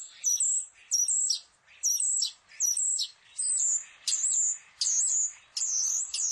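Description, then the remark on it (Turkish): A common starling sings its normal song, a steady run of high, wavering whistles and chattering notes repeated about once a second, clear with no other sounds. “ben ilk önce sığırcığın normal ötüşünü dinletiyorum”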